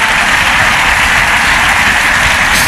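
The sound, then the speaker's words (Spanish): An audience applauds for Jesus in a steady, dense wash of clapping that holds at an even, loud level throughout, with no voices standing out above it. “Dale un aplauso a Jesús si puedes, hermano.”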